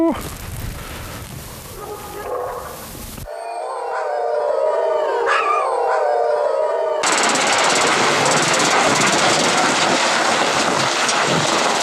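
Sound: wolf howling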